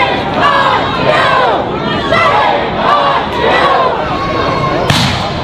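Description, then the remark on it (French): A large crowd of protesters shouts and chants in loud, overlapping, continuous waves of voices, with a sharp thump near the end, as they try to stop ICE agents from leaving with people they arrested inside. “La foule résiste et tente d'empêcher les agents de sortir avec les personnes qu'elle a arrêtées à l'intérieur.”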